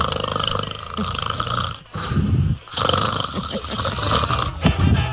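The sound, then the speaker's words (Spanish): A person snoring loudly, with rough, rattling breaths repeating in long pulses and brief pauses between them, no talking. “Ya, por ahí ya está roncando.”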